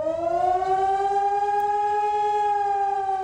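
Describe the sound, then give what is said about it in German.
A loud civil defense siren wails steadily during Germany's nationwide warning day, its rich harmonic tone rising slowly in pitch and holding, with no voices over it. “Beim bundesweiten Warntag sollen Handys Alarm schlagen, Warn-Apps aufploppen und vielerorts auch die Sirenen heulen.”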